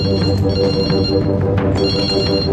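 A telephone rings with a steady, warbling electronic tone, repeating bright high-pitched pulses over a dense, loud low hum for the whole stretch, with no one talking.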